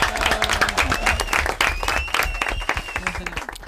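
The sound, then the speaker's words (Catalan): A crowd applauds steadily, dense overlapping claps filling the whole stretch at a strong, even level, with a faint high tonal line and some murmured voices underneath. “Sí, part de clar, un aplaudiment.”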